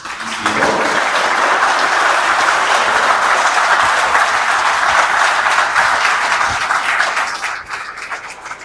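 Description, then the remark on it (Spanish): A large audience breaks into sustained applause for federal government officials, a dense, even wash of clapping that holds steady for several seconds before starting to thin out near the end. “Así que les pido un aplauso para ellos.”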